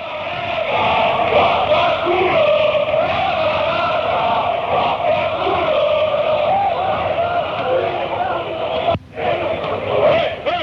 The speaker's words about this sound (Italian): E quindi qua diciamo che diventa più noioso tutto il canto, sì, sì. Perché sono i canti sì, per la partita. Sì, certo. Io c'ho scritto qua, c'è solo Franco Baresi. Questo è un incitamento al nostro capitano, poi Paolo Maldini e poi Milan.